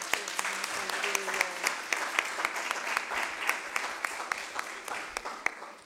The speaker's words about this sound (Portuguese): e a verdade é que a OLS está de parabéns e por isso eu agradecia uma salva de palmas.